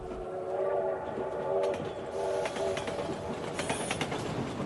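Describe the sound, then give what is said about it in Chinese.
A Chinese high-speed train runs along the rails with a steady, loud rumble and a humming whine, punctuated by quick rhythmic clicks from the wheels, continuous with no voices. “从2005年起，图纸上的列车已经飞驰在我国广袤的土地上。”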